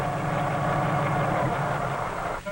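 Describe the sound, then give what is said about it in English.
A helicopter engine drones steadily and loudly throughout a powered landing, a dense continuous roar with a low rumble underneath and no voices, dipping briefly just before the end. “Should the engine fail, the rotor would act much like a parachute to permit an emergency landing. But of course, most landings are with power.”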